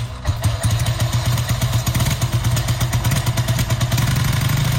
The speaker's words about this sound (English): And if you're still wondering what that was, I can reveal that that is actually a motorbike. So if you said Wheels, then well done.